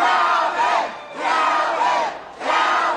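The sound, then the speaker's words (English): A loud crowd cheers and shouts on election night, November 15, 2025, in New Orleans, celebrating Calvin Duncan, newly elected Orleans Parish clerk: three rising waves, each swelling into a roar with high whoops, then dipping briefly before surging again. No individual speech stands out. “On November 15, 2025, election night, an exuberant crowd gathered to celebrate Calvin Duncan, Orleans Parish's newly elected clerk.”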